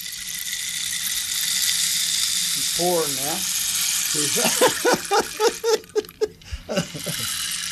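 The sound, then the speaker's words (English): A rain stick shaken steadily, its continuous cascading patter of pellets hissing fairly loud, with a person's voice and laughter breaking in over it partway through. “This is the rain stick.”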